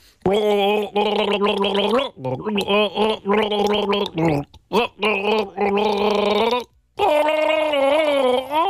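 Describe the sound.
A voice gargles a bouncy pop melody from a one-hit wonder, bubbling and warbling through rhythmic phrases with brief pauses between, loud and alone throughout.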